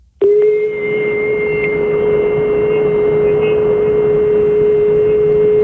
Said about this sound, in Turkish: Oğlum bu saç kurutma makinesi açmış bu ya.